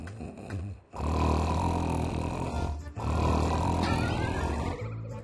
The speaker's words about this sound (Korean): 뭐야? 펭수 코골아. 펭수 코를 꼬네. 펭수 코골아. 우와. 우와, 펭수 코 겁나 보네.